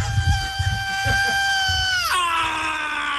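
A long, piercing high-pitched scream holds steady over rumbling low instruments and crowd noise, then suddenly bends upward into an even shriller sustained wail, from a live thrash metal recording, loud.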